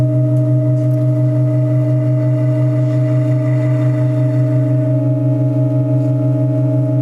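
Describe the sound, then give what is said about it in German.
Organ pipes in the Burchardi-Klosterkirche hold a steady, loud sustained chord of low, droning tones during a sound change, with a faint higher pitch joining partway through as an additional pipe is inserted and the sound shifts slightly. No one speaks. “So hat sich übrigens der Klangwechsel vor 1,5 Jahren angehört, als auch eine Pfeife dazugesteckt wurde mit einem gestrichenen D-Silentium.”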